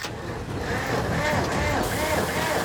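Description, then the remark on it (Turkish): A 50-year-old logging truck's engine, being brought back to life by a mechanic with plenty of ether, loudly cranks and catches, a dense rough rumble with a wavering, rising and falling pitch as it revs unevenly throughout. “50 yıllık bir tomruk kamyonunu diriltip filolarına katmaya uğraşıyorlar.”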